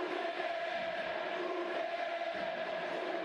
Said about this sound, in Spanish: Se tiró muy bien a su derecha, es cierto, no fue muy esquinado el remate de Barbona, pero muy bien el uruguayo que se lleva la ovación de la gente. Como otras épocas, escuchá.